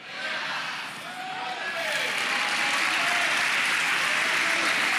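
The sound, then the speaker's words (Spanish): An audience bursts into sustained applause at the call to applaud "the one who lives and reigns", a dense crackling wash of clapping that swells and stays loud for several seconds, with faint voices mixed underneath. “Vamos, vamos, aplauda al que vive, aplauda al que reina.”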